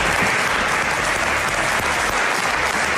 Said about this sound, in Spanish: En Madrid, durante el aplauso de la oposición.